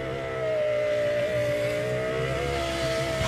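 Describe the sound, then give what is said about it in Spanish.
A car engine runs with a loud, steady drone, its pitch rising and dipping slightly as it revs. No one speaks over it. “Y yo te ayudé porque yo dije algo del carro. Me sonaba algo del carro.”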